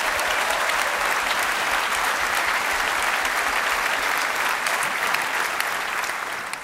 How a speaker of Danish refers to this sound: Giv ham bare lige et ekstra bifald.